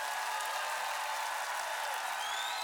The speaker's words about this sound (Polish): Wielkie, wielkie brawa.